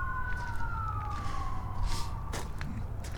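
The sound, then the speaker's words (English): An emergency vehicle siren holds a steady, slowly falling wail, ringing over a constant low rumble of traffic for about two seconds before it cuts off; the emergency vehicles are at 118th Street and Maple. “When the siren stopped, that means the emergency vehicles are like right over there at like 118th Street.”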